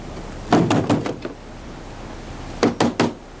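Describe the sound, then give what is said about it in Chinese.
Someone raps on a door, a quick run of about six knocks that trails off, then after a pause three firm, evenly spaced knocks. Fairly loud, with no voices. “闯进去，把门打开。”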